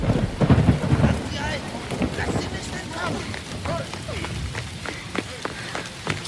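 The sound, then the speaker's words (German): A deep roll of thunder opens a cold, rainy night in a city, then steady heavy rain hisses on with sharp splattering hits and a wavering, whistling wind whipping over the rooftops, rising and falling throughout. “Es war eine kalte und regnerische Nacht, als Namaya durch die Stadt Zenea rannte.”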